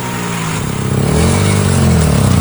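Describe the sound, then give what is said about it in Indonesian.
A loud motorcycle engine revs up at full throttle while speeding on a road, its throaty exhaust note climbing in pitch over a couple of seconds, continuous, with no voices. “Gaspol, suara knalpot rame, semua mata tertuju ke gue.”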